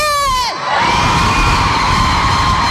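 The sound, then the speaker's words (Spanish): A crowd of women in an audience bursts into a loud, sustained high-pitched shout on cue, many voices yelling together and holding the cry for a couple of seconds. “Ah, los hombres gritamos más fuerte.”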